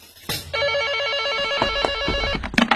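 A telephone bell rings again, loudly, a sustained bright metallic trill running for about two seconds with no voices.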